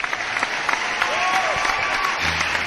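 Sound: applause sound effect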